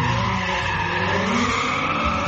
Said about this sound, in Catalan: El vehicle arrenca derrapant.